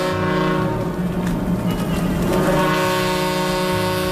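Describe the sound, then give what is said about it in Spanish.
A ship's siren in the port of Alicante blares in one long, steady, deep blast as the steamer Ciudad de Barcelona, arriving from Marseille, docks on 12 October 1936; rich and droning, loud for about four seconds with a rumbling low undertone and no voices. “Las sirenas del puerto rompen la calma.”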